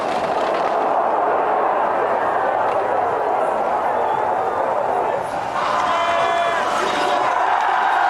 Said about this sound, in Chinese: 好的，马特最后的冲刺，现场的观众也用欢呼声在等待着他，1分52秒31。现在奥德马特的成绩呢升至了第一位。